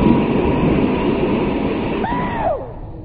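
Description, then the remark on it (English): A steam train lets off steam at Edinburgh Station: a loud, steady rush of hissing steam fills the whole stretch, with a brief whistle-like tone sliding downward near the end as the hiss eases slightly. “There should be a law against trains letting off steam when people are wearing kilts.”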